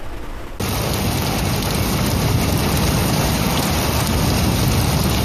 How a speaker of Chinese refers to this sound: 今天凌晨，本市出现雷阵雨天气，天津市气象台发布雷雨大风黄色预警。